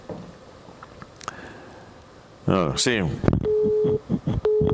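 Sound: telephone dialing tones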